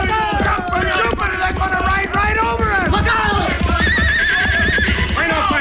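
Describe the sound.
Horses neigh and whinny in loud, wavering high-pitched cries over a steady rumble of pounding hooves at a gallop, with shouting voices mixed into the din.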